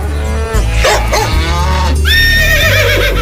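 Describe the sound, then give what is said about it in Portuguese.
An old horse neighs loudly with a quavering, high-pitched whinny in the last second, following a deep, drawn-out cow moo at the start. No one speaks. “Vai, cavalo velho.”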